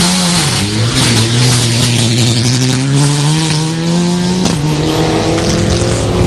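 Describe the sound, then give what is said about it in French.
Rally car number 31 leaves the start, its engine roaring loudly and revving hard through several gear changes as it accelerates away, its pitch climbing and dropping with each shift. No one speaks. “Voiture numéro 31 qui part.”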